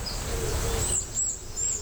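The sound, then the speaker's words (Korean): An Oriental dollarbird calls in a forest valley, giving three short, high, thin notes in quick succession over a soft, steady outdoor rumble. No one speaks. “이거는 파랑새 소리 들리는.”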